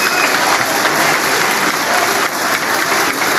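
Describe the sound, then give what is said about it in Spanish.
Sustained, dense applause from a large crowd fills the chamber of Peru's Congress of the Republic for President Keiko Fujimori during her speech, loud and steady throughout with no pauses or voices standing out. “Pese a ello, los aplausos continúan para la presidenta Keiko Fujimori, quien se presta a 11 y 13.”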